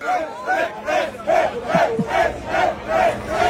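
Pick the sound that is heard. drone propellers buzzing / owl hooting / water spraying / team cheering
team cheering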